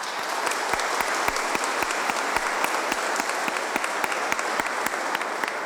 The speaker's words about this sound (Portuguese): Queremos acolhê-la com uma salva de palmas.